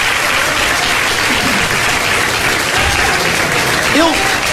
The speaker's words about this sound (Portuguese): Eu quero ouvir a maior salva de palmas desse culto, vai ser agora. Deixa eu ver. É para Jesus, é para Jesus, é para Jesus.